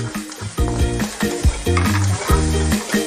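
Food sizzles loudly and continuously as it is pan-fried in a hot pan, with bursts of scraping and stirring from a utensil breaking in every half second or so, without any talking.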